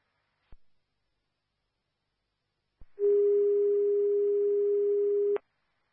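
A couple of sharp radio clicks, then a loud, steady electronic alert tone holds for about two and a half seconds over a faint hiss of static before cutting off abruptly. These are County Dispatch fire pager second tones for Beer Pond, a mutual aid call to CCAN on Impala Street, Andover Township.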